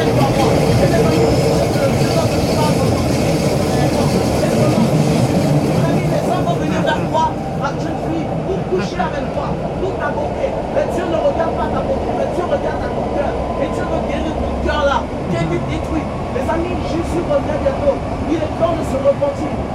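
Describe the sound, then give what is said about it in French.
Steady low rumble and rattling of a moving metro car, a constant loud drone with occasional squeaks and clanks, and muffled voices mixed into the background. “On a entendu un jeune homme dans le métro nous dire que Dieu existe.”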